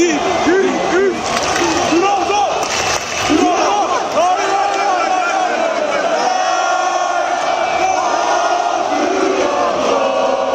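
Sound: football fans chanting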